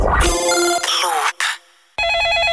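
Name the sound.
telephone ringing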